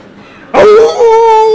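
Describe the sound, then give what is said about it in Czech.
A man's voice imitates a jackal's howl in answer to the question of how a jackal howls: after a short quiet stretch, a sudden loud, breathy onset settles into a long, steady, mid-pitched wail that holds to the end. “Ne, to bylo správně, soudruh zavil správně jako šakal.”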